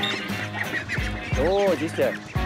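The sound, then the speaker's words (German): Several Indian runner ducks quack in quick, overlapping bursts, loud, with a cluster of nasal calls in the second half over a busy background, during football training at the Walsrode bird park. “Weil diese Laufenten, die fressen ja neben Gras nicht nur Entenfutter, sondern auch Würmer und Schnecken.”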